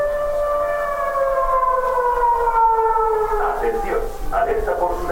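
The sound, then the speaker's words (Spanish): A long-range alert siren installed in Cádiz, Spain, wails continuously with a steady, multi-toned sound, its pitch drifting slowly downward, while a voice begins speaking over it in the final seconds. “También la instalación de señalética y de 3 sirenas de alerta de largo alcance.”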